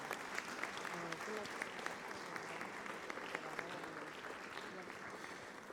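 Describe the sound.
An audience at a religious service claps steadily for several seconds in a loud round of applause to the Father, a dense, even wash of many hands with a few sharper individual claps standing out and faint voices mixed underneath.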